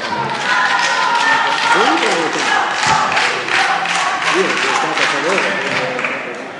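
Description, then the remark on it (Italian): Sustained applause fills the Italian Senate chamber after a vote approving a bill, dense and steady clapping from many hands, with murmuring voices and a few scattered calls rising through it before the sound tapers slightly at the end. “Dopo l'applauso possiamo andare avanti.”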